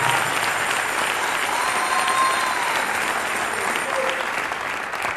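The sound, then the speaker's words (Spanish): An audience applauds the Lord steadily, a dense, even wash of many hands clapping at a constant loud level for several seconds, with no talking over it. “Dele un fuerte aplauso al Señor entonces, hermano.”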